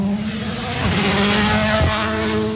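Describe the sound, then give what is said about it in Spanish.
A loud rally car engine roars past at a World Rally Championship event, its revving pitch sweeping and shifting as it passes, with a brief tire-scrape or skid and no talking. “Escuchamos parte del ambiente, ojo, que se aproxima un auto.”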